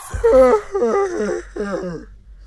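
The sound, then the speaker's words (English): A loud, drawn-out vocal yawn comes in three voiced stretches, each with a wavering pitch that rises and then sags downward, with no words spoken. “You see the yawn.”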